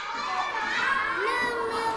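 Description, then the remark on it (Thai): A steady murmur of many children's voices chattering at once in a classroom during a lesson, overlapping and continuous for the whole moment, moderately loud with no single voice standing out. “เด็กๆห้ามพูดนะ”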